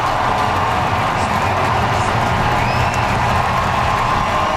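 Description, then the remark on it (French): A large baseball stadium crowd applauds and cheers in a steady, loud roar, with scattered whoops and shouts rising above the continuous clapping, as a Blue Jays outfielder leaves the game in the third inning. “George Springer, est sorti du match en troisième manche sous une pluie d'applaudissements”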